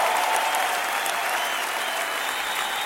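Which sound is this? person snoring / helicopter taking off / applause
applause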